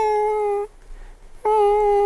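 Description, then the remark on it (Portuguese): Someone makes two thin, steady squeaky tones with a short pause between them, imitating the wheezing chest that comes with a dry cough, which sounds like a mewing kitten. The tones are fairly loud, with no talking. “Tosse seca, chiado no peito. Você ouve o gatinho.”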